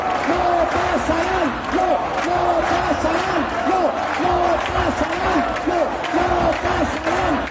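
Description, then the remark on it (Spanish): A large protest crowd chants the slogan "No pasarán" in loud unison, repeating it in a steady, insistent rhythm over a constant roar of voices and noise, at a rally called by the collective Ama Asturias against fascism. “Al grito de no pasarán, los asistentes fueron convocados por el colectivo Ama Asturias,”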